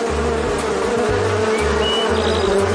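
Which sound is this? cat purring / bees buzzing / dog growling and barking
bees buzzing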